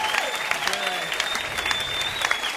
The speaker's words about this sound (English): How about a round of applause for everyone that you've seen tonight, huh?